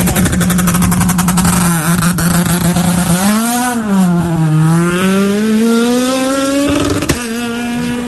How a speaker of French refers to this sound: Et voilà, l'équipage Radjoel qui vient de partir à bord de leur Honda Civic Type R, voiture numéro 0.